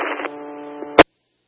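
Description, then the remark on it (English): A buzzy, humming burst of radio transmission static lasts about a second, ends in a sharp crackling squelch, then cuts abruptly to silence. “So the beginning of traffic was all static.”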